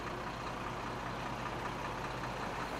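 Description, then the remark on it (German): A truck engine idles steadily at a customs checkpoint while the truck is checked with a fully mobile X-ray unit, a continuous low rumble with a broad mechanical hum that stays even throughout, with no voices. “VMR heißt die Anlage, mit der Randy einen LKW nach dem anderen kontrolliert.”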